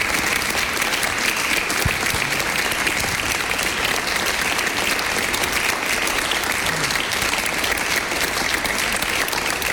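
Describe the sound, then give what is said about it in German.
Sustained applause from an audience for a guest at the end of an evening event fills the whole stretch, a dense, steady wash of many hands clapping at once, fairly loud and even throughout with no one speaking over it. “Und ich bitte nochmal um einen großen Applaus.”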